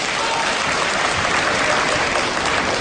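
An audience at a stage performance breaks into steady applause, dense clapping that stays loud and even for the whole few seconds, with no voices rising above it.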